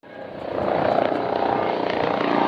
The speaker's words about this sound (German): Die zwei Hubschrauber der Bundespolizei landen auf dem Kaufbeurer Fliegerhorst, beide voll bepackt mit hochempfindlicher Messtechnik.